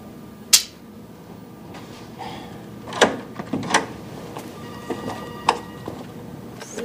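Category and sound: household object, double door being opened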